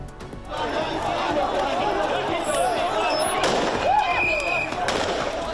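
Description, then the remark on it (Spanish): Gunshots fired into the air amid running and shoving, as migrants are moved to the port of Ceuta at 8:30 in the morning during police charges: a few sharp, irregular bangs crack through the steady roar of a shouting crowd, with rising whistle-like cries in between. “Carreras, empujones, disparos al aire.”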